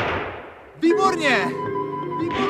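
A loud rifle shot, fired at a lion as it leaps, rings out and its echo fades over nearly a second, then a rising, tonal cry or roar with layered harmonics follows and holds steadily to the end.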